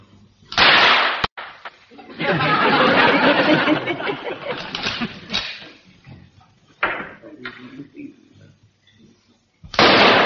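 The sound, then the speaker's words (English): Rifle shots crack out loudly, a couple of sharp bangs followed by a longer stretch of rough, noisy blasts, then a few more isolated reports after a short lull; a few rounds fired at targets as a demonstration. “I'm going to fire a few rounds so that you'll get the idea.”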